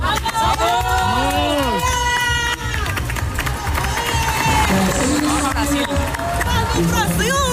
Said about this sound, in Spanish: Así lo celebraron las jugadoras comandadas por Sonia Bermúdez tras ganar ayer en Reykjavik a la selección islandesa